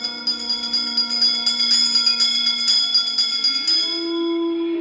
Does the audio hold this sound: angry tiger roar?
no